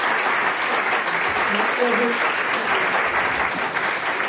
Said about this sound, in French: je pense qu'on peut vous applaudir puisque nous sommes à Blois en direct et en public.